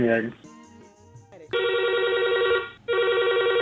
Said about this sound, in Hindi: तो फोन लगाए बा, बहुत बहुत धन्यवाद आपके।